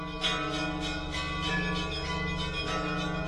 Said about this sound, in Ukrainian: Він лунав лише на свята або у дні служби. Церковні дзвони були звуком віри і добра.